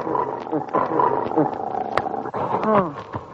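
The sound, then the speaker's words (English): A dog named Wolf growls and snarls at its owner in a continuous, rough rumble lasting a few seconds, rising into louder harsh vocal bursts near the end. “Why, my very dog has forgotten me.”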